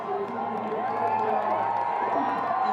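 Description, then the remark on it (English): A crowd cheering on a bobsleigh run steadily throughout, a dense wash of many overlapping voices and shouts at a fairly loud, constant level, with no single voice standing out. “The crowd cheering him on.”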